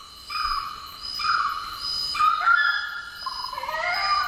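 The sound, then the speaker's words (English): Orange-footed scrubfowl giving loud, drawn-out wailing calls that overlap, with steady and gliding notes rising and falling, over a constant high insect drone. No one speaks. “They just sound like the jungle, don't they? Even if they're not in the jungle, the orange-footed scrub fowl.”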